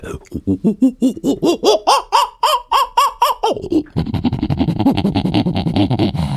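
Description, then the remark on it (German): A human voice imitates a prosimian (half-ape) call: a quick, rhythmic series of about a dozen rising-and-falling whooping cries, loud, then a harsher, denser chattering outburst. “Kannst du einen Halbaffen nachmachen? Halbaffe, kein Problem.”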